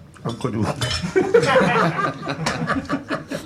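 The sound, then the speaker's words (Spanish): Glasses and ice clink against each other on a table in quick, light taps, mixed with chatter and a bit of laughter. “Que me tiene, que nos vamos ya, tiene una liada chico ahí con cuatro servilletas. Ha cogido todos los hielos de los pasos.”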